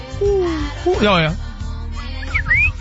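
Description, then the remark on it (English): Someone whistles an imitation of the chirp of a cardinal, a songbird: a few sliding downward notes, then quick, bright upward-swooping chirps, fairly loud over a low background rumble. “Actually, our video guy spot said Cardinals means more of a chirp, so I go.”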